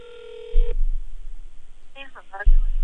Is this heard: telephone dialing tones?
yes